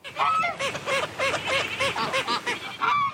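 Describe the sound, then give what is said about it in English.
A flock of waterfowl calls continuously, honking and quacking in overlapping, repeated bursts, loud and busy with no pauses and no talking: Buddy, a domesticated Cayuga duck, with a flock of feathered friends on a man-made lake in southeast Edmonton, Alberta. “So there is Buddy the waterfowl with a flock of feathered friends around him.”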